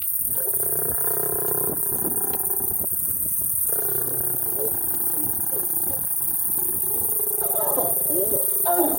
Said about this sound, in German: Das gibt es auch nicht oft. Zwei Löwen paaren sich am helllichten Tag direkt neben der Straße. Autos stehen um die Tiere herum, Kameras klicken, Handys filmen.